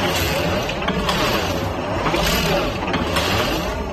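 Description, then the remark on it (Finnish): A wool sock knitting machine rattles steadily, a dense, even mechanical clatter with a faint cyclic swell and fade repeating about every second, fairly loud, with no voices. “Siinä se villasukkakone ruksuttaa menemään.”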